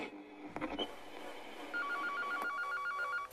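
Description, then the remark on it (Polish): A telephone rings with an incoming call to a radio show, a trilling electronic warble alternating in a steady rhythm, clear, after a few brief clicks and knocks at the start. “Cholera, my mamy następny telefon?”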